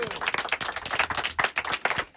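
A studio audience on the set of the show La Bulle à Truc applauds a team member, many hands clapping steadily in a dense, crackling wash that stays fairly loud for the whole stretch without voices on top.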